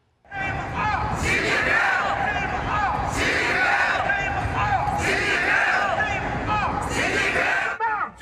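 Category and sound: crowd, protesters shouting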